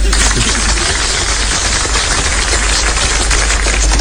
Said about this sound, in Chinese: 想不到还真有人鼓掌，这就算开张大吉了。